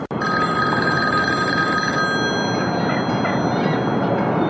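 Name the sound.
telephone ringing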